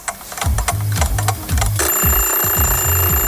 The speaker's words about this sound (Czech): Ruku na srdce, vyskočíte každé ráno po prvním zazvonění budíku, nebo ho pětkrát odkládáte a každých pět minut si říkáte ještě chvíli.